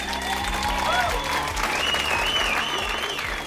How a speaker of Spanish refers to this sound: aplausos del …